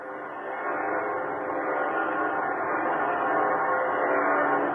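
A dense, continuous wash of the great bells of Notre Dame Cathedral in Paris ringing together, their overlapping tones blending into a steady, resonant drone that holds at an even loudness throughout, with no voices.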